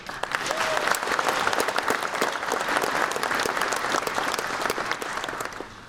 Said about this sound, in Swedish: Till er skulle jag vilja säga ett speciellt välkomna och vi ska se till att ni inte bara får en fantastisk upplevelse här i Umeå utan också en rejäl applåd här och nu.